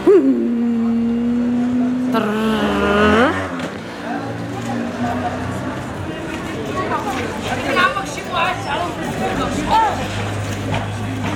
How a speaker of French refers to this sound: À l'ancienne médina. Il y a beaucoup de motos. Il y a première chose que j'aime pas, c'est les mobilettes.